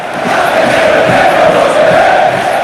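A large football stadium crowd at the Estadio Enrique Roca shouts during a derby in a dense, steady roar that holds loud and unbroken for about three seconds, with no single voice standing out.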